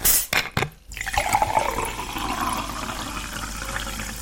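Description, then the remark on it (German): A few short clinks and knocks come first, then a steady rushing stream of a drink pours continuously into a glass for several seconds, fairly loud, with no voices. “Jetzt mache ich mir erstmal was Leckeres zu trinken.”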